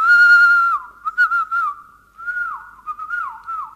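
A person whistles a clear signal call: a long steady note sliding down, a few short chirps, then a second phrase with dipping slides. Close, fairly loud, with no talking.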